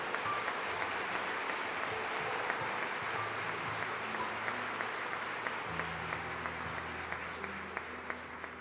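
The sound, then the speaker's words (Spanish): A church audience applauds the Lord in a steady, dense wash of clapping that holds its level throughout, with a low sustained tone, like organ or keyboard notes, sounding underneath. “Aplaude al Señor.”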